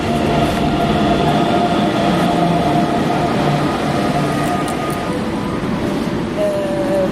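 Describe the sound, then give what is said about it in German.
An S-Bahn commuter train rumbles loudly and steadily at a station, a dense roar of wheels and motors, with a thin brake squeal rising near the end as it pulls into the platform. “Jetzt kommt unsere S-Bahn, oder?”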